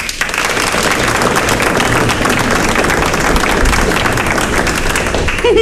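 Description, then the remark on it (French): A crowd claps steadily in dense, sustained applause for several seconds, loud, with a voice briefly starting up at the very end. “Par applaudissement, qui ça y connaît à moi?”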